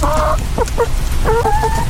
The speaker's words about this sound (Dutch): Ik heb wel nog iets anders moois, namelijk een geluid van een gelukkige kip. En ik wil even bij jou checken zo, of dat klopt.